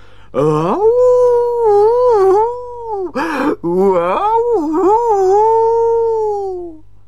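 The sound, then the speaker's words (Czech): A cat yowls loudly in a bathroom in long, drawn-out wailing cries that waver up and down in pitch, about three calls in a row with a brief break between, and no talking. “A potom najednou zaslechl Kuba z koupelny podivné zvuky.”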